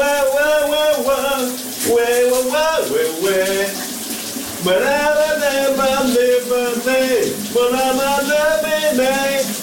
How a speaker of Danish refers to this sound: Nu skal vi over til en, som elsker at synge, og det gør han her i radioen hver morgen, live fra sit brusebad,